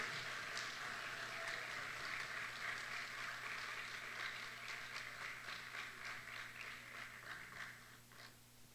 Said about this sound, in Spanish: Que se escuche el aplauso, por favor.